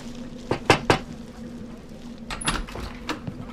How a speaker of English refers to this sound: Lord, we ask you to protect us from harm and provide for us as we're about to knock on this stranger's door.